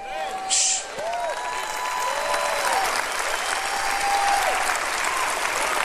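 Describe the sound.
An audience applauds God's greatness in a steady, sustained wash of clapping that fills the room, with a voice calling out over it and faint tonal sounds drifting beneath.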